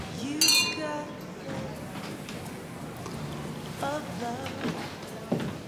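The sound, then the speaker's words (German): Glasses clink together in a toast, a bright ringing chime near the start followed by a few lighter clinks, with murmuring voices and gathering chatter in the background. “Prost.”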